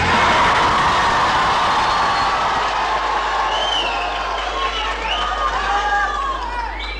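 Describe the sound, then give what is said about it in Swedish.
A crowd of about 200 young people from Tranås and Jönköping cheers and shouts excitedly at Folkets Park in Jönköping, Sweden, before voting on the week's most popular records for the radio show Sommartoppen: a dense, continuous roar, with high-pitched whoops and squeals rising above it for several seconds at a steady, loud level. “De spontana glada röster vi hörde här alldeles nyss, de kom från”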